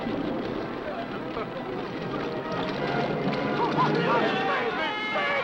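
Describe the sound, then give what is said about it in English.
A boat moves through water with a steady, continuous churning rush that grows slightly louder toward the end, while indistinct voices murmur underneath. “I demand that you make your boat stop.”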